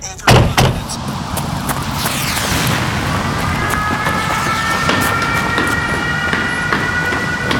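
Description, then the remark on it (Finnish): A metro train at Holosievska underground metro station: a sharp clunk at the start, then a steady, loud rumble with a rising high-pitched electric whine, all echoing. “Metroasema on täynnä ihmisiä.”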